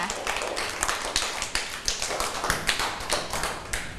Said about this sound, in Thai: เก่งมากปรบมือให้กับเพื่อนหน่อยค่ะ